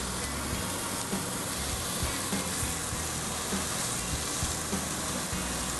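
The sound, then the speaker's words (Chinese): Food sizzles steadily in a hot pan as it is pan-fried, with the heat now turned down to low, a dense, continuous hiss of frying with small crackles and pops scattered throughout, fairly loud, with no one talking. “好了，煎完了以后，也现在已经转成小火了”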